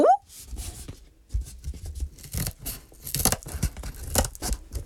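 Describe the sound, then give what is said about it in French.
Small scissors snip and crunch through cardboard, cutting out the walls of a cardboard house, in a series of rough cuts with short scraping bursts and brief pauses between strokes. No one speaks. “Toudou prend les petits ciseaux pour découper les murs de la maison en carton.”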